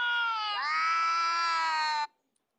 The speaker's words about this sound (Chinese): 而如果播放两猫相遇炸毛的叫声，翻译器又说起了人话。